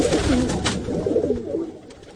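Pigeons coo in soft, low, rolling murmurs that overlap continuously, moderately loud, with faint background hiss and no talking.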